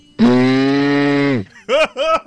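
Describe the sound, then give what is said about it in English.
A 13-year-old's voice imitates a car with a loud, steady, buzzy hum held for over a second, then two short, swooping vocal bursts. “I'm 13 years old, and this is my best and worst. It's a car.”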